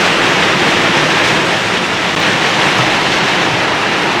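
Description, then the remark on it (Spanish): Heavy rain pounds a sheet metal roof in a dense, unbroken hiss and roar that stays loud and even throughout, with no voices or pauses. “ahorita sí está lloviendo fuerte, fuerte.”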